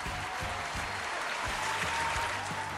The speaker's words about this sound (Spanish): ¡Fuerte el aplauso!